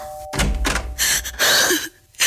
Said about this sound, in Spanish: ¡Ay! ¿Quién toca el timbre como loco? ¡Ya va!